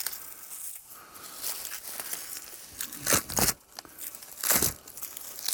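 White outer bark being peeled by hand from a birch tree during harvesting: dry, papery crinkling and tearing in uneven bursts, with a few louder rips toward the end and no talking.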